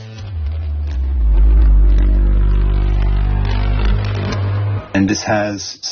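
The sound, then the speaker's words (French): A heavily processed ney flute sample for a soundtrack, stretched and saturated and chorused with reverb: a loud, low, buzzing drone with thick harmonics that holds steady for about five seconds, then shifts abruptly at the end. “Voilà, il y a beaucoup de saturation, du chorus, de la reverb. Je voulais obtenir un son un peu étrange, unique.”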